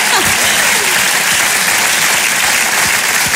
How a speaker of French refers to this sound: Merci, oui, on peut applaudir ça, bien sûr. Bien sûr.